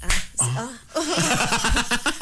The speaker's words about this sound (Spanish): Sí, ahora son más aplausos.